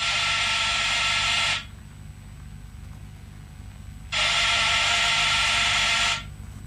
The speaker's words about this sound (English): I heaved myself out of the car and went to the front door. I pushed the bell. Nothing happened. So I pushed it again.